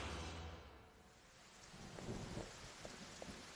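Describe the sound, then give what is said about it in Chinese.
Steady rain falls outside a theater, hissing across the whole stretch while a low, rolling thunder rumble swells underneath, loudest toward the end, with no voices present. “趁外面下雨，跟他们来个调包计。”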